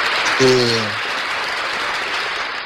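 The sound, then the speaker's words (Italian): A burst of applause from a small group, steady dense clapping lasting the whole stretch, with a brief voiced whoop near the start. “Ah, che bello, un applauso all'aperitivo.”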